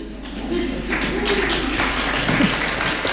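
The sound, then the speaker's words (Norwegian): Steady applause fills the hall at the Swedish Academy as the 2026 Nobel Prize in Literature is announced for Canadian author Anne Carson: a dense crackle of many hands clapping at an even loudness for a few seconds, with a small 'yes' and voices murmuring underneath. “Ett litet yes I salen där och applaus årets Nobelpris I litteratur går alltså till Anne Carson från Kanada.”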